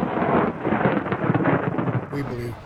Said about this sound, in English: Murdoch says the thunder is his ancestors responding.